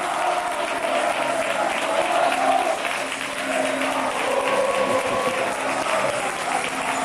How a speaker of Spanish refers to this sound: Ovación espectacular. La que se están llevando los jugadores del Alcoyano, que están a unos metros de la afición, los aficionados cantando bufandas al aire, a capela, el himno,